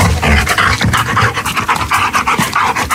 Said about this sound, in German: Das ist tatsächlich so etwas wie Lachen. Ja, Hunde können auch lachen. Wenn die Vierbeiner spielen, stoßen sie oft ein spezielles Hechelgeräusch aus. Dieses sogenannte Playpant tritt besonders beim Toben mit Menschen oder anderen Hunden auf